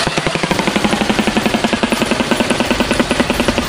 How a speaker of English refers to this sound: They've got a massive shoe-shaped bill, or like beak, and it's 9 inches long and 4 inches wide, which is absolutely enormous. Blessed. I've loaded the sound up of the shoe bill like clicking its beak together. Check this out.